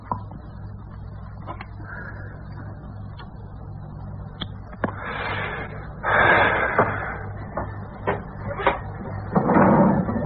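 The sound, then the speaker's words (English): A drawer is pulled open and pushed shut, with sliding scrapes, a few sharp wooden clicks and knocks, and a low steady hum underneath, as something wrapped in white cloth is taken out of it; nobody speaks. “From a drawer, he took out something wrapped in white cloth.”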